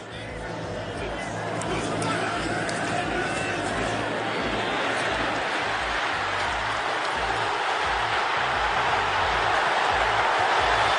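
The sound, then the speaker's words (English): A large stadium crowd roars steadily during a run at the Oregon vs. Boise State football game, the broad wash of cheering swelling early and then holding loud and sustained for the full length, with no single voice standing out. “Well, that run you're hearing in the crowd.”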